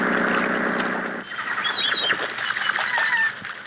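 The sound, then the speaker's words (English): Overstuffed seagulls the size of vultures cry out on Belmar's Island in a cluster of short, shrill squawks over a steady windy rush, the calls overlapping for a couple of seconds. “Belmar's Island had overstuffed seagulls on it the size of vultures.”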